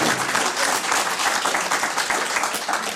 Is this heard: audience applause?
yes